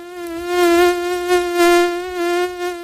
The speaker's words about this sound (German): Wenn eine Mücke im Anflug ist, geht es dem Dermatologen Thomas Schwarz von der Uni Kiel wie vielen Menschen. Dieses Summen da, das macht einen wirklich verrückt.